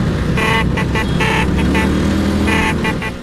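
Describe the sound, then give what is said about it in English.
Several Vespa scooter horns beep in short repeated bursts over a steady, loud rumble of idling and revving small engines, as thousands of scooter enthusiasts gather in Rome to celebrate the 80th anniversary of the Vespa. “Thousands of scooter enthusiasts are in Rome this weekend to celebrate the 80th anniversary of the Vespa.”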